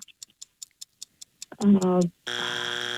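A steady ticking countdown of about eight quick ticks gives way to a brief honking tone, then a loud, harsh game show buzzer blares continuously to signal time is up.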